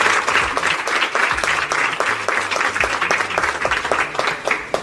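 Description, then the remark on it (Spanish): A sustained round of audience applause, many hands clapping densely and steadily throughout, loud, with no voices breaking through; the applause is for Fray Rafael Pozo and the institutions that have supported the programme. “Así que démosle un fuerte aplauso a Fray Rafael Pozo y a todas las instituciones que a lo largo de la historia nos han apoyado.”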